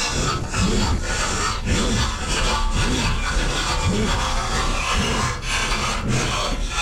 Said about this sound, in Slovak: To bolo krájanie chleba. Áno, takto počujú bežné zvuky deti s autizmom, ktoré sú hypersenzitívne.